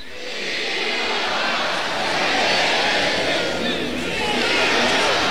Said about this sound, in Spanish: y ahí está logrando un muletazo en redondo, cambiándose la muleta precisamente de la derecha hacia la izquierda, remata Víctor Hernández y el público grita de esta manera.